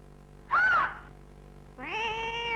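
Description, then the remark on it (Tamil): A cat meows twice, close and fairly loud: a short arching mew, a brief pause, then a longer drawn-out meow. No one speaks. “பூனை? பூனைன்னா எனக்கு ரொம்ப பயம்.”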